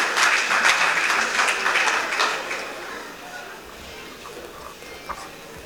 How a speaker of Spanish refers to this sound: Un aplauso aquí a los señores auxiliares.